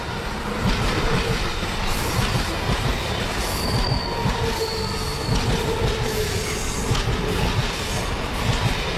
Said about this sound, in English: Don't know where this train is.